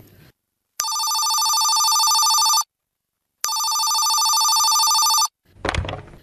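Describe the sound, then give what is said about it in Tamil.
A telephone rings twice with long, steady electronic trills separated by a pause, loud, followed by a brief clatter like the handset being lifted. “Phone போட்டா போட்டா.”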